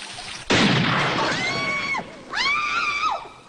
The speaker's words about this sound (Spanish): ¿Por qué el rifle se elevó e hizo ¡fum!